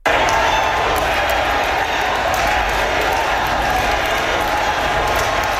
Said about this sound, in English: Carrie Lynn Finley was elected on the fourth ballot with 51% of the vote. A crowd of supporters cheered and chanted Carrie Lynn's name once she was announced as the winner.